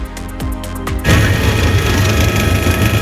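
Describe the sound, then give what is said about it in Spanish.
A helicopter flying over an area hit by a forest fire in León, Spain: its rapid, rhythmic rotor chop gives way after about a second to a loud, steady engine roar with a deep low hum, and no voices. “Es el sonido del helicóptero sobrevolando la zona afectada por las llamas de un fuego que parece ha sido intencionado.”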